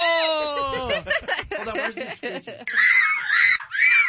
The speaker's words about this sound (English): That's just the kids screaming. That's a daycare. Yeah, I know. That's just audio from a daycare right there.